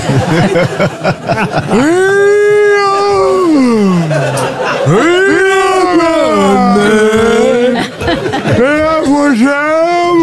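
A dog's long, wavering howls rise and fall in pitch, three drawn-out cries in a row after a brief noisy start, loud with no pauses for talk between them.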